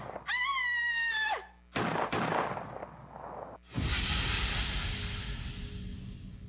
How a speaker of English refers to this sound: I guess whoever fired at us got away. Yeah, looks like it.